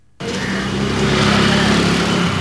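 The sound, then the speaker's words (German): Steady engine drone fills a side street in central Delhi after a sudden start, with a loud motor hum and broad traffic noise holding constant throughout, no voices. “Eine Seitenstraße in Delhis Innenstadt.”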